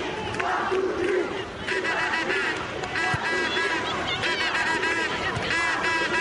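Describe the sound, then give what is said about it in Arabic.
A large stadium crowd roars and cheers continuously at a women's match involving Algeria's national team, as a player urges the crowd to cheer; massed voices chant and shout in a dense, steady wall of sound that stays loud from start to finish. “خزامة، خزامة في الكرة الماضية، وهي تطالب الجمهور بالتشجيع.”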